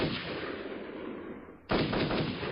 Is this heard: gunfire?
yes